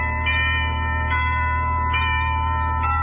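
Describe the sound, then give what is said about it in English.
A doorbell at a house in Santa Monica rings out in fog in four evenly spaced strikes, about a second apart. Its bright, sustained tone hangs steadily between hits, fairly loud over a low background hum. “The fog was closing in over the house when I rang the bell.”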